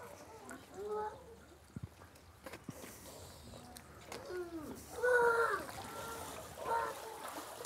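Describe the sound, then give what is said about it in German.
Water flows steadily through the overflow channel of a seal pool, where fresh water constantly enters from below and dirt, feces and food remnants drain off, with a constant wash and a few sharp splashes, while high, wavering calls or voices rise over it at intervals. “Man hört das auch, man sieht das auch sehr gut. Da ist so eine Überlaufrinne, also unten kommt ständig frisches Wasser rein”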